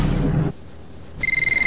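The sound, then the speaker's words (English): A telephone behind a sofa cushion rings at 2:30 in the morning with a bright, trilling electronic tone that starts abruptly near the end, loud, after a low rumble and a quiet pause with a faint earlier chirp. “dozing on the sofa, pulls the phone out from behind a cushion.”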